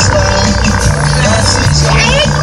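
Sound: garbage truck engine idling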